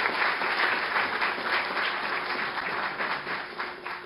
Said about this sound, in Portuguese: Aplauda Jesus pela vida da nossa amada missionária.